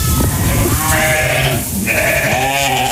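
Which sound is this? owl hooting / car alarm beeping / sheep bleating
sheep bleating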